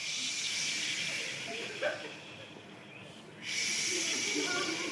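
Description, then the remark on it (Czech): A crowd of people imitate ocean waves with a broad, steady hissing and shushing that swells and ebbs, briefly dipping quieter before surging back loud. “Takže dobře, zvuky byly super, ale mořský zvuky, jo?”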